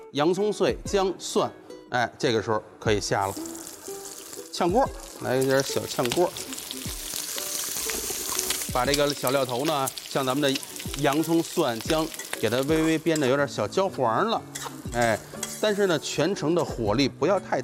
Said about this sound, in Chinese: 哎，一点点底油，咱呢先把这个刚才泡过水吸干水的茶叶先下锅。好，这就是我们茶叶入菜的第三步了。 没错，先呢把普通的油咱给它变成茶油。